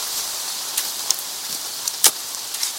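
Steady rain hisses throughout, with a few sharper drip-like taps standing out now and then. No voices are present.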